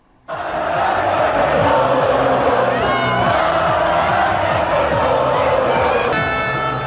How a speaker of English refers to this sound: Massive crowds filled the streets of Madrid after the country's 1-0 World Cup victory over Argentina. The celebration continuing well into the night.